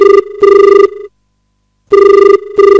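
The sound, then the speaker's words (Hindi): A telephone rings in two clear bursts separated by a pause, each burst a rapid warbling double ring, loud with no voices: the first caller's call coming in to a folk-song phone-in programme. “और लेते हैं आपको जो पहलो फोन।”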